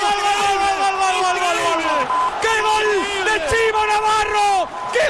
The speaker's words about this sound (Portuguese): Pues vamos, el grito de dale, dale, Depor. Vamos con el córner. ¿Cómo rugía esto en Valladolid? ¿Y cómo vuelve a escucharse ahora en primera al saque de esquina?